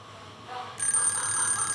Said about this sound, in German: Mein Wecker hat um 5 Uhr geklingelt. Nicht meine Zeit.